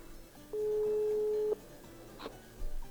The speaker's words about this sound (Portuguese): Vamos ligando pra esse número. Vamos ver quem tá nesse número. Não vai falar alô, tá bom? Se falar alô, perde. Telefone chamando